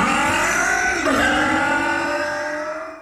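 A car engine revs loud, its pitch dipping briefly then climbing again before holding a steady roar that fades slightly at the end. No voices.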